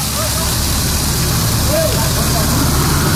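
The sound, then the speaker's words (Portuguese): A loud, steady roar of water gushing from a burst pipe on Rua Atos Tomás Ferrátil, in front of number 300, in Capão Redondo, shooting water high into the air, continuous throughout, with faint voices barely audible beneath the rushing noise. “Mas, gente, é muita água que está jorrando, formando aquela super ducha assim pro alto, jogando água pro alto, cano estourado certamente”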